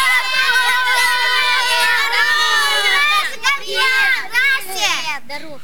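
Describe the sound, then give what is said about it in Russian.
A group of employees' children at a factory calls out a greeting together to a worker in a loud, overlapping chorus for several seconds, their high-pitched voices merging into a bright, jumbled greeting. “Дети, поздоровайтесь.”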